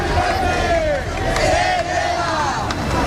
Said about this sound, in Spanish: Es sonido de la protesta que arrancaba a las 6:30 de la tarde desde la Puerta del Sol hasta el Congreso de los Diputados para reclamar medidas urgentes que garanticen el derecho a la vivienda.